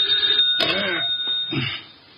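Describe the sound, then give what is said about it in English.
An old-style telephone bell rings insistently, a shrill, steady ringing with a couple of rattling bursts, heard on its own with no voices. “Oh, dear, who moved that phone?”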